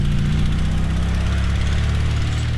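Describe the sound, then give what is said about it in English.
Propellers of an AI drone buzz steadily in flight as it flies itself toward a target car driving along a dirt road, a constant loud motorized drone with layered low harmonic hum and a rough whirring texture, continuous throughout with no voices. “Professor puts down the control stick, and the drone flies itself to the car.”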